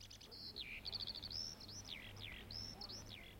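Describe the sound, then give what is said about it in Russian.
Skylarks singing over thawed patches of ground in spring, a continuous, rapid stream of high warbling trills and whistled slurs over a low, steady background hum. “Над проталинками запели жаворонки.”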